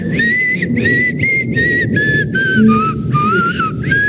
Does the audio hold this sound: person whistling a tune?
yes